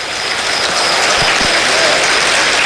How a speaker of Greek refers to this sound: Το χειροκρότημα για τους Έλληνες διεθνείς